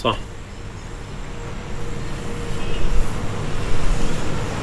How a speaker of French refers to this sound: On vient maintenant d'arriver à Idlib. On est sur la place centrale. Il y a pas mal de circulation autour de nous.